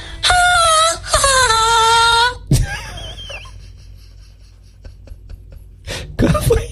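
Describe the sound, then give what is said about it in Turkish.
An AI voice imitates the laugh of the cartoon woodpecker Woody Woodpecker: two loud, high, warbling vocal bursts with wavering pitch, followed by quieter breathy noises, a click and a couple of short sharp sounds at the end. “Onun sesini taklit etmeni istiyorum. Nasıl gülüyordu Woody Woodpecker?”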